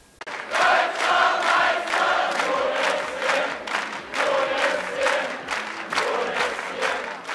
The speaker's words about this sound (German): Zahlreiche Jubelrufe dieser Art waren es, mit denen der Ankunft der SCM-Handballer am Montagabend entgegengefiebert wurde.